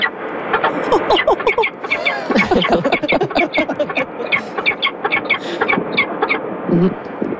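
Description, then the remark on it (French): A newly hatched falcon chick calls nonstop, fairly loud, with thin, high, squeaky peeps and chirps tumbling over one another in quick irregular bursts. “Ça, c'est beaucoup, le son d'un petit Faucon oui, à la dire, naissance.”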